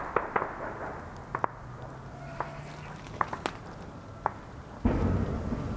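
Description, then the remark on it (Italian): Scattered sharp cracks and bangs from drones firing, about eight irregular shots over a low rumbling background, ending in a louder sustained burst of rough, rushing noise. “Sentiamo sparare i droni.”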